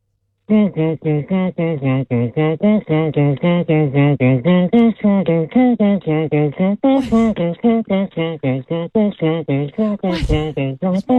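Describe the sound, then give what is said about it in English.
A single voice beatboxes while humming a song, steady rhythmic vocal pulses with a couple of sharp percussive bursts, loud, continuing for about ten seconds. “I don't know if that's beatboxing. That sounds Yes, it is. You got humming in it.”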